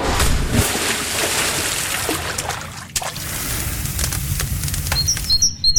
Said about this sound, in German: Das waren jetzt knapp 8 Sekunden Sommer für euch. Grillen, Freibad, Vogelzwitschern.